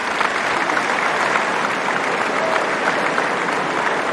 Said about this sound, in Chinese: 现场的观众也是在给费里加油鼓劲儿。